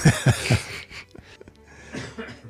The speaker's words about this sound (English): All right. Stop coughing and spluttering.